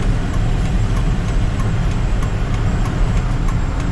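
A large RV carrying many passengers cruises down a parkway, the biggest vehicle on the road, its heavy, steady engine and road rumble filling the scene, with faint, regularly spaced ticks or thumps recurring throughout. No one speaks.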